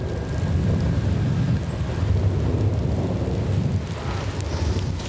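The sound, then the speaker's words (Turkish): A steady, loud thunderstorm: dense rain hiss fills the air over a continuous deep rumble of thunder, with no voices, holding constant throughout. “Fırtına geliyor. Vurduğunda buradaki her şeyi silip süpürebilir.”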